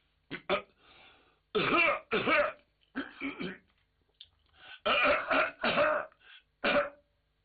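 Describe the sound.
A storyteller imitates a series of loud, deliberate coughs and throat clears, as Zhao Hu standing outside the door coughing on purpose to greet Lord Bao, bunched in short bursts with brief pauses, forceful.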